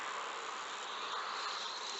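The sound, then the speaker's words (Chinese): A faint, steady sizzle of recorded electrical discharge, about 50 decibels at the source, a continuous crackling hiss with an insect-like buzz that holds at an even level throughout, with no speech. “那个滋滋声就是我们采集到的放电声。”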